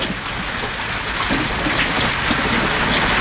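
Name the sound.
rain falling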